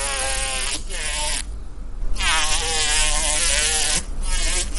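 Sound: hornet buzzing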